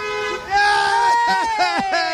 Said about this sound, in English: Hey! We got more honking. Thank God. Oh, the validation. Oh, it's good. We feel seen. Two cars.